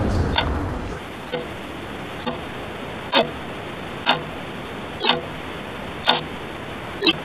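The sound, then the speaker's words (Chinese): A large, century-old antique clock, newly repaired, ticks steadily, each tick landing about once per second with a crisp, resonant click over a soft background hiss, with no voices present. “当时钟的滴答声再次响起，钟表的记忆被修复，百年的光阴就这样透过时针与现代的人们展开对话。”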